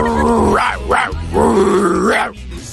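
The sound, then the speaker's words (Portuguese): A person voices a dog, likened to a real Lassie, a big female dog, with a loud growl rising into two sharp barks and then a long, drawn-out howling bark that trails off. “Ó, isso aí é uma verdadeira lesse, né? Uma cadelona.”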